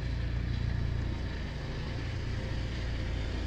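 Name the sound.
helicopter flying overhead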